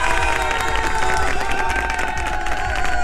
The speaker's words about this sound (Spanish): Un aplauso para ese cumpleañero, por supuesto.